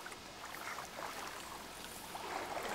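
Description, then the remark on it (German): Steady rushing and gurgling of a stream's current around a paddled canoe, on a stream dropping 8 metres over 6 kilometres and carrying little water at the moment; a continuous soft water hiss with small splashy flickers and no voices. “Die Strömung nimmt uns mit.”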